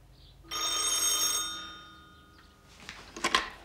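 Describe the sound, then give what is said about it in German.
A telephone bell rings out in a single sustained metallic burst with shimmering high overtones, fading over a second or so, followed by a few brief clattering clicks like a receiver being lifted. “Nun klingel doch endlich.”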